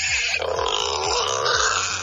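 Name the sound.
wild boar grunting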